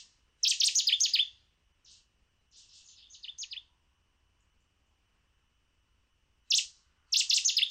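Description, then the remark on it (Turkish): A small bird sings bright, rapid chirping phrases high in pitch, each burst lasting about a second, separated by silent gaps of about 10 seconds before the song repeats. Clear, with no talking. “Bu kuşu dere boylarında çok fazla görüyoruz. Aslında gerçek bir köy kuşu.”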